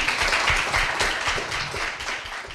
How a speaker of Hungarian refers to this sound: Köszönjük meg egy nagy tapsal.